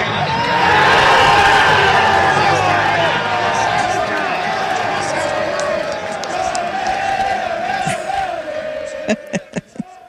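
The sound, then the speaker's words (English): A crowd of more than 500 people roars and cheers continuously at a World Cup watch party in a sports bar parking lot in Seattle as Mexico scores its second goal, loud and sustained, with overlapping shouting voices and a few sharp claps or bangs near the end. “There was more than 500 people in the crowd, and by the time Mexico scored its second goal of the cup, spirits were pretty high.”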